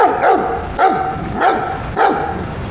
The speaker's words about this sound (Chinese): 呵，这小狗狗中气真是十足啊，不愧是您调教出来的。